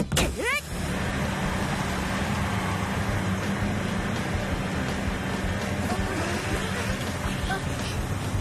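A new motor fitted to the machine Rotica spins up with a quick rising whine, then roars steadily at maximum power to move a rock, a loud, continuous drone that holds without letting up.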